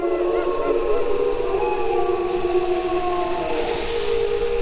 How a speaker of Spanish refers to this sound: Es que, claro, sugiere noche muchísimo lo del lobo. Bueno, yo creo que el aullido del lobo representa muchas cosas. Representa lo agreste, representa la noche, representa el misterio, representa, sí, el conflicto, representa la miedo luna.